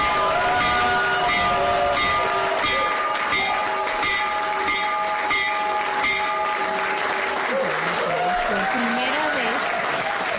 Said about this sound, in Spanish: ya hay que tocar la campana. Y pues ahí el presidente Trump tocó la campana